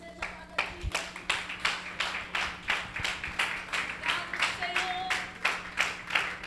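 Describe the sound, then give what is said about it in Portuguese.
A church audience claps for Jesus together in a steady, even rhythm, roughly two or three sharp claps per second throughout, over a constant low hum, with a brief tonal voice or note near the end. “Aplauda mais forte a Jesus.”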